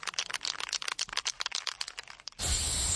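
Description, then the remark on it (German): Spray paint cans rattle in quick, irregular clacks for a couple of seconds, then a steady, loud hiss of spraying takes over to the end, at an electricity box graffiti project in Falkensee. No one speaks. “Das Klappern und Sprühen von Sprayflaschen klingt für Lars Klemmer vom Stromnetzanbieter Edis erstmal nach viel Arbeit.”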